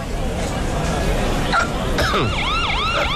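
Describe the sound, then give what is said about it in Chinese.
A police siren wails in, its rising and falling sweeps growing clear and loud over the last second, cutting through a noisy background of crowd chatter and voices. “什么情况？怎么又来警车了？”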